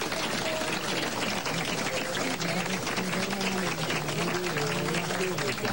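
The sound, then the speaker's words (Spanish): A crowd applauds the emergency responders steadily and loudly for several seconds, a dense wash of clapping hands with some voices murmuring and calling out underneath. “Bueno, un aplauso para los intervinientes.”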